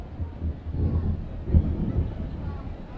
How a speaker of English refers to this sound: Although as soon as I said those words, I saw a big old lightning bolt past the outfield and left. And now we hear the thunder crack from that.